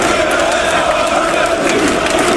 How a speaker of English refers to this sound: But there was also a bit of a pitch invasion. What happened? Of a dog. Oh, brilliant. Onto the pitch. And then it was funny because the crowd started shouting.